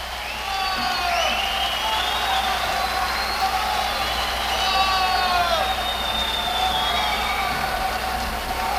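A large crowd applauds and cheers steadily, a dense wash of clapping threaded with rising and falling whistles and shouts that holds at a constant loud level throughout.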